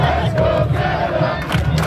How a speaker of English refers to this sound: And while you can hear the roar of fans from outside BC Place right now, just blocks away is where the day started when about 10,000 super fans took to the streets representing Team Canada.